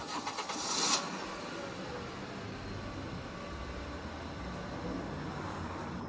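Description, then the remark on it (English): An old Stegelak 900 car with a newly rebuilt engine cranks and catches with a brief, bright burst of noise, then settles into a steady, droning rumble as it cruises up an interstate under full power at an even pace. “With its newly rebuilt engine, my car was cruising up the interstate under full power.”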